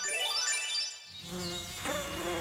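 A high, thin mosquito whine with a rising and falling pitch, buzzing steadily on its own for a couple of seconds before a lower-pitched buzzing joins in.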